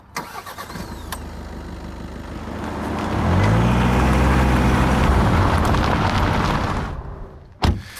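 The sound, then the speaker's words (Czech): A few clicks and clunks, then a car engine turns over and catches, running loud with a steady rising hum for several seconds before cutting out, followed by a single thud; the car is used to travel about 10 km between wooden viewpoints facing Veveří Castle. “Tak my si pomůžeme autem.”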